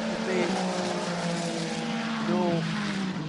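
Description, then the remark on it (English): The 3-litre six-cylinder engine of a 499P race car, 499 cubic centimetres per cylinder and mounted behind the driver's head, roars loudly and continuously with a buzzing, layered whine, its pitch dipping and then briefly climbing again toward the end as it passes. “Alessandro Pecorini's 499p engine, 3 litre, 499p because it is 499 cubic centimetres for each one of the 6 cylinders that is behind the driver's head pushing that car forward.”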